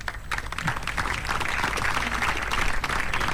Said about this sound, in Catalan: Ara es fan la fotografia, fort aplaudiment per tota la gent de la grada.